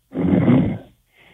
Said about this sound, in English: He's sleeping. You can hear him snoring in the background